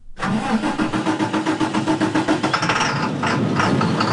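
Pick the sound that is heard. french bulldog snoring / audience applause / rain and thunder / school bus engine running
school bus engine running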